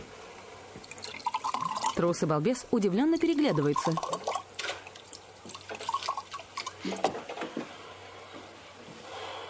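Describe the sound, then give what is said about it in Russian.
Milk glugs and splashes as it is poured from an opened bottle tilted over a table, a short wet gurgle, while a man's voice narrates over part of it. “Открывает бутылку, наклоняет над столом.”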